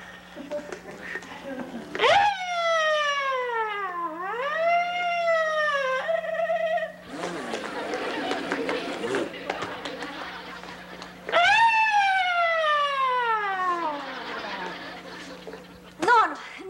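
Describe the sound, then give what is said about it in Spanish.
A voice imitates an ambulance siren with loud, sweeping wails that rise and fall, in two separate bursts with a noisy stretch of background chatter between them. “¡Soy la sirena de la ambulancia!”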